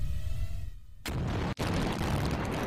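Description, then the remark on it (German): A sudden heavy blast from explosive charges detonating in the demolition of a motorway bridge breaks the quiet, quickly followed by a second sharp crack, then a sustained, loud roaring rumble as the detonations echo on. “Hier ist deutlich zu erkennen, auch im linken Bereich finden Explosionen statt.”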